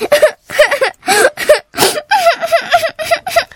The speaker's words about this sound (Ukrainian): Сестричко, ти чого плачеш? Знову отримала дев'ятку? Не журись, до кінця року ще встигнеш виправити.